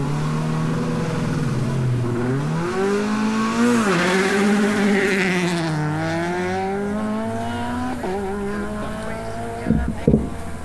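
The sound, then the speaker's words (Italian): The engine of Ferretti's Peugeot 208 Rally4 rally car revs loudly, its pitch repeatedly climbing and dropping through the gears, with a couple of sharp bursts near the end. “E queste intanto le immagini di Primo Canale, siamo appunto alla macchina di Ferretti in Costa, l'ultima Peugeot 208 della Rally 4.”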